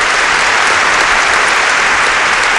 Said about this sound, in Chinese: 沙瑞金率先站了起来，同志们，让我们以热烈的掌声欢迎陈延石同志。高育良、李达康和其他常委们也纷纷站了起来，是鼓掌欢迎陈延石。